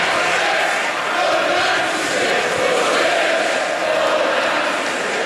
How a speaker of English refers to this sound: For 2 minutes, the crowd chanted for justice for those who died.